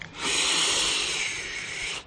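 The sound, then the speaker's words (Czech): A single loud, hissing snore: a rough, breathy rasp that holds steady for about two seconds, then cuts off. No talking. “Zapísklo to vysokým tónem a na to následovalo silné basové zachrápání.”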